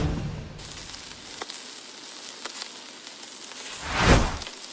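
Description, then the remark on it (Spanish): Meat sizzling on a grill: a steady hiss with scattered pops and crackles, swelling into a louder, fuller sizzle toward the end. No one speaks. “Cree que está chillando ahí. Está la carnita, el asador, ya, ¿o qué?”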